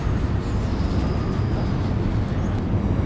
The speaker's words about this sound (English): The graveyard bisects the Southwark and London Bridge station, and every several minutes I can hear the screech of the trains going past.